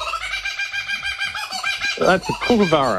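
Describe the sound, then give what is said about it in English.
A kookaburra's laughing call: rapid, repeated chuckling notes that build into a louder, raucous cackle near the end, carrying on without pause. “That's a kookaburra.”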